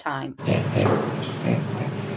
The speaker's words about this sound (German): Beim Orang-Utan funktioniert Lachen noch eher gleichförmig. Das Lachen mancher Menschenaffen, zum Beispiel von Orang-Utans, ist eher fest verdrahtet, wie auf Knopfdruck. Es klingt im Grunde jedes Mal sehr ähnlich.